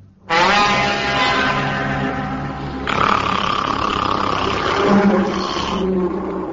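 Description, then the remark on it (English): A loud, drawn-out monstrous dragon roar rumbles continuously for several seconds, rough and growling with a shift in tone partway through, with no speech. “It was a dragon.”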